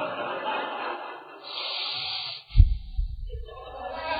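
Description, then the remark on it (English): A voice imitates heavy, angry breathing through flared nostrils: a hissing inhale, then a sharp, low snorting exhale, with no words spoken. “The nostrils flared. You can just hear that breathe.”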